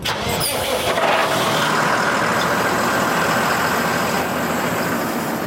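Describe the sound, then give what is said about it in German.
The heavy diesel engine of a 12-tonne armoured tractor, used on a military training ground with unexploded ordnance, turns over and settles into a loud, steady running rumble, with no voices over the continuous mechanical drone. “Etwa diesen 12 Tonnen schweren Traktor. Er ist dick gepanzert, damit Blindgänger ihm und damit den Insassen nichts anhaben können.”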